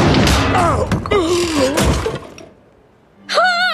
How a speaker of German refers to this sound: Da knallt der Marmor-Uhu auf Labienus Kopf.